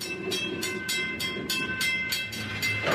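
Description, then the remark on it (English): A train rolls past on the rails through Lac Megantic, Quebec, its wheels clacking in a steady, evenly spaced rhythm over the joints, with a sustained metallic whine underneath. Loud, no voices. “About 5 months later, in December 2013, the scorched earth of Lac Megantic was once again giving passage to trains.”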